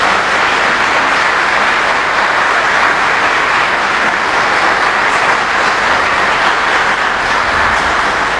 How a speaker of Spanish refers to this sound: Felices 34 años. Un aplauso.